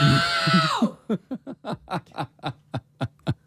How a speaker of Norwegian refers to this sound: du ropte 114 decibel. Oi, oi, oi, oi. Og da er vi på cirka på lydnivå med konsert, eller et bilhorn, yes! eller et stort sportsarrangement.